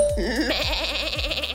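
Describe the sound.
A person imitates a goat, giving a loud, quavering bleat that wavers continuously for over a second, with a few soft low thumps beneath it.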